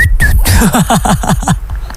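A person whistles a quick run of about seven short, falling chirps in a steady rhythm, fairly loud, after a brief higher whistled note at the start, as a whistled part of a song.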